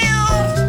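A single short cat meow, loud, with a bright, tonal quality and no voices around it.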